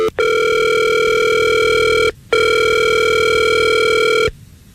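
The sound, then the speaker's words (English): A telephone ringback tone from a call placed by the Fred Show morning radio show purrs twice, each long steady electronic ring lasting about two seconds with a short gap between, loud with no one talking. “Well, let's call Lisa and see if we can get her on the phone and figure this out.”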